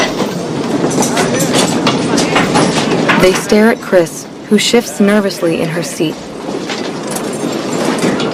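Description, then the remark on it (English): A moving train rumbles and clatters steadily over the rails, a dense, loud mechanical roar with rhythmic knocks running throughout while a person speaks over it. “Now don't you even think about getting off this train”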